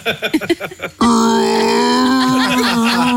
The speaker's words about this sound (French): Ce n'est pas un dinosaure. Jean-Yves Le Drian a bâillé en regardant un discours de sa remplaçante Catherine Vautrin.